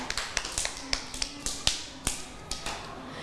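Children clap their hands in a loose, uneven patter of sharp claps for a few seconds, fairly soft and close by, with no voices.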